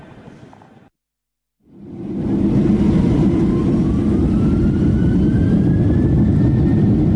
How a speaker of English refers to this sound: We're on the plane again, a less bumpy flight